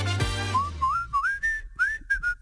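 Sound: creaking door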